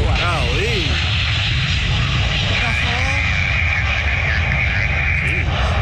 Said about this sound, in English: they did notice that there was crazy sparks coming from the back of one of these cargo planes. Whoa, whoa, whoa, whoa.